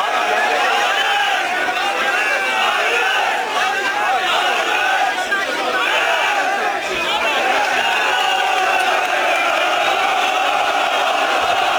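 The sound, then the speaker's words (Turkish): A dense crowd of football fans chants and shouts at an airport in Istanbul, welcoming Fenerbahçe's new signing Mason Greenwood, in a loud, continuous roar of voices, sustained throughout with rising cheers and no pauses. “Tezahüratlar yapan taraftarlar havalimanında izdiham oluşturdu.”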